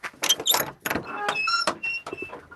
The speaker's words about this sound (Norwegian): Men så har du, kan ikke du åpne denne døra her da?